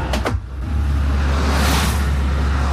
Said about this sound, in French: Ah, voilà, tu vois, une flopée de voitures qui passe, tu vois, une flopée de voitures. Il n'y a pas encore les camions, mais des fois, il y a les flopées des camions.